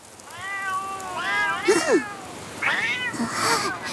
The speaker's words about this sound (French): Des chats! Ils me suivent depuis cette nuit. Je crois bien qu'ils habitent la ferme juste en dessous.